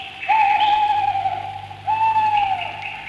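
An owl hoots twice, each call a long, steady, clear note lasting over a second, fairly loud against a quiet background, with a brief pause between them.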